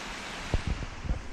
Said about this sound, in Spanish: Apoyado sobre el puente que unía el balneario con los jardines, al otro lado del río, escuchamos el sonido del agua.